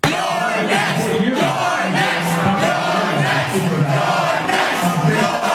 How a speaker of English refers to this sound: That is the crowd of overwhelmingly young white high-income progressives chanting, "Your neck."